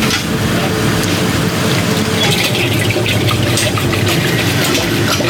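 About 5 liters of thick ice cream mix pours steadily into an ice cream machine with a continuous gurgling, splashing rush, loud and unbroken for several seconds, with a low mechanical hum underneath and no talking.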